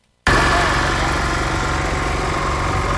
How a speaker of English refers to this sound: the Speaker, alongside several of his supporters, flagged off the intervention with the cutting, evacuation and drilling of damaged portions of the road in preparation for comprehensive repairs.